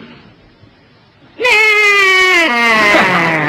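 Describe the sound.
After a brief quiet moment, a voice imitates the neigh of the speaker's horse with one loud, sustained, quavering cry that steps down in pitch partway through and holds to the end.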